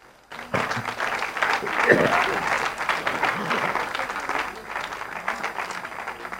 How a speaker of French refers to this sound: Et l'applaudissement est pour le Seigneur.